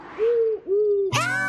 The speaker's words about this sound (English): Owl! We learned about owls in school. They can't move their eyes back and forth like we can, but they can turn their heads around really far.